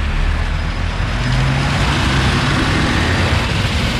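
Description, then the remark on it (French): Dense road traffic in a traffic jam in Brussels rumbles steadily, a continuous low drone of idling and slowly moving car and truck engines with no pauses and no voices. “on écoute l'avis de quelques automobilistes déjà excédés par les embouteillages.”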